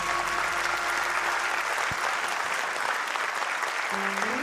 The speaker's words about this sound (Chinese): 谢谢，感谢感谢。 掌声，我拢有收到啊！